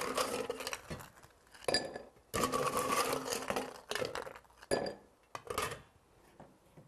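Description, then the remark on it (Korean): Ice cubes clatter and clink into a prepared glass for a hibiscus soda drink in several quick bursts, fairly loud, with short pauses between drops and no one speaking. “자, 준비된 잔에 얼음 넣어주시고요.”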